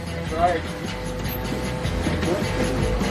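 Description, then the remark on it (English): A steady, rumbling drone of a train rolling along its rails, heard from inside a carriage, with faint indistinct voices murmuring beneath the continuous noise. “We took some time to get settled on the train, check out some of the other cars, and even grab some hot chocolate.”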